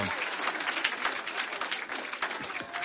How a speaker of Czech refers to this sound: Já myslím, že ten potlesk je na místě vzhledem k tomu, že jsem tomu věnoval asi 80 vteřin svýho času.